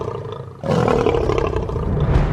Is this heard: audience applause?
no